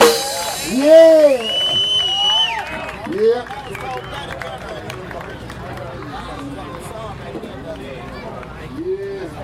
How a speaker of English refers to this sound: Let's have a nice round of applause for the promoters for the Bigfoot Festival.